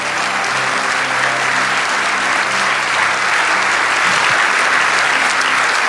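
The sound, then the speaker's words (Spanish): A church audience applauds in thanks to God, steadily for six seconds, a dense, even wash of many hands clapping at constant loudness, with a low hum underneath and no clear voices. “Si ese aplauso es para lo agradecido que estamos, dale ese aplauso.”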